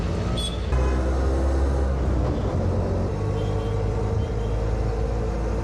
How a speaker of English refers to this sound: Riding in an auto, what you call auto rickshaw. This is actually the best way to get around in the cities in India when you get this kind of traffic.